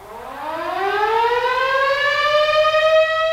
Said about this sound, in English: Each weekday morning in St. John, Kansas, the early birds are awakened by the rousing sounds of the town whistle. It's the same sound as the severe weather sirens, only the whistle is never as loud or as long.